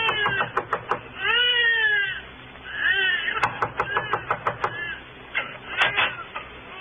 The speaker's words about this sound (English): And the night sounds of a tenement still follow you as you climb the decaying stairs. Then you knock on a door that opens into a room where Tommy Mannin was born.